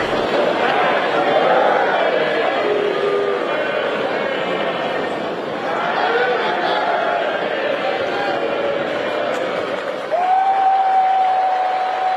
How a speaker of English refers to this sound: How much do you think it was about, you know, the crowd sang happy birthday to President Trump, but let's play that.